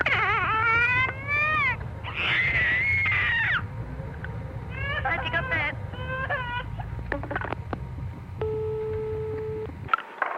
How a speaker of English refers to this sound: I'll try and get my little 15-month-old daughter, who's got a terrific scream.